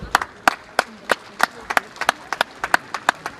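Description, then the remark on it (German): Steady, rhythmic clapping, about a dozen sharp claps in an even beat, clear, with a faint murmur of a crowd underneath; applause during a speech at an equestrian tournament in Helmsdorf, Saxony-Anhalt, Germany. “Das ist eine Auszeichnung für unser Bundesland, das ist eine Auszeichnung für Sachsen-Anhalt, die, glaube ich, einen großen Applaus verdient hat.”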